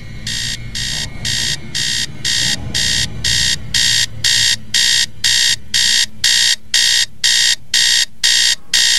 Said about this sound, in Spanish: Maldito despertador, pero si apenas son las 4:15 de la mañana.